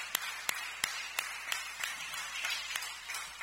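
A group claps for Jesus together in a steady, brisk rhythm, sharp beats standing out over a continuous wash of scattered applause. No one speaks.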